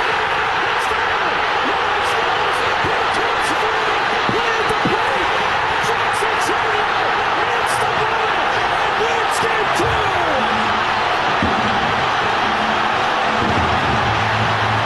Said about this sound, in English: Was one of the biggest eruptions by a crowd I have ever heard, partially because it's a starved for winning a championship Milwaukee Brewers best record in baseball this year. But you couldn't hear the announcers at all.